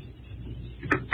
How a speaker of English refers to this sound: Oh, I hear you close and lock the door.